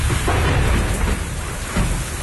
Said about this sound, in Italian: La pioggia e la grandine hanno rovinato il tetto.